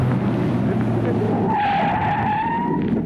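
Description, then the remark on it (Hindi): A car brakes hard to stop at a traffic light showing a stop signal, with a loud, sustained tire squeal that rises and smears across a couple of seconds over steady engine rumble, alone without talk. “अरे ये क्या हुआ विक्रम, तुम रुक क्यों गए? सामने ट्रैफिक लाइट में स्टॉप सिग्नल है।”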